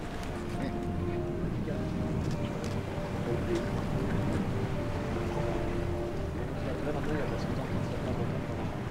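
Steady rushing wind and water wash on a moving boat in a rough sea along a steep coast, with a low engine-like drone and faint tonal hum throughout, continuous and fairly loud, no voices.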